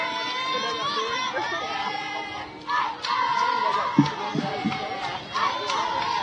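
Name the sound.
baseball stadium crowd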